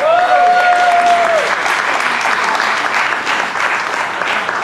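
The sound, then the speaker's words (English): Sustained applause from an evening show audience clapping for themselves, a dense, steady wash of many hands clapping at once, loud throughout, with a brief high whistle near the start that fades out after a second or so. “And I just clap yourselves coming out tonight.”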